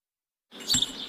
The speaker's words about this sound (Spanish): A los vecinos de Nueva Valdeluz les está costando adaptarse al silbido de los pájaros por las mañanas mientras toman el café frente al bosque. Demasiada paz mental, dicen.